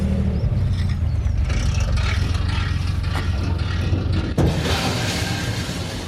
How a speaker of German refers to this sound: Ein kurzes Scheppern am Anleger sagt es an. Die Gruppe Fahrradfahrer kann an Bord der Gent-Sied gehen.